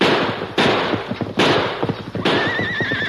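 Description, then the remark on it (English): Three loud, sharp gunshots crack out about a second apart in a gunfight, over a busy clatter of horse hooves, and a horse whinnies shrilly after the last shot. “He's got a gun. So have I.”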